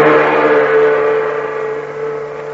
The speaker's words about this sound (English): The big truck clatters and rumbles down the Burma Road, bound for a nearby river.